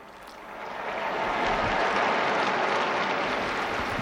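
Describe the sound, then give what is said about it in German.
A large crowd applauds as Pope Leo comes to the window for the Angelus, the clapping swelling over the first second into a dense, steady roar of hands that stays loud to the end, with no voices on top. “Sie hören den Applaus.”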